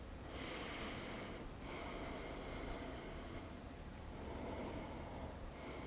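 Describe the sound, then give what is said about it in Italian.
Slow, deep breaths during a yoga pose, with the right leg bent and the right ankle outside the left knee, ten breaths in the position. Each long inhale and exhale rushes audibly over a steady background hiss, with no talking. “Sempre 10 respirazioni in questa posizione.”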